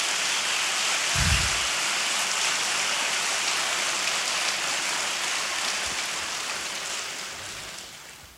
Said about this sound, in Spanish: Denle un fuerte aplauso al Señor esta mañana.